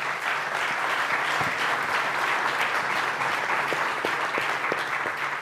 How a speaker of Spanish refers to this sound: Y solamente hacerte un aplauso, por favor, a ambos.